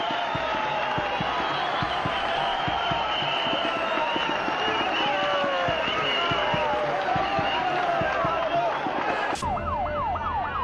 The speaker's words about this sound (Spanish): Gente aplaude.